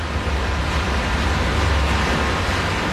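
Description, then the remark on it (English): Meltwater from artificial glaciers, brought downhill through pipes, pours steadily into a huge underground reservoir in a village: a continuous loud rushing hiss over a deep, rumbling low end, unbroken and without any voices. “That is the sound of the water from the artificial glaciers reaching this village in this huge underground reservoir.”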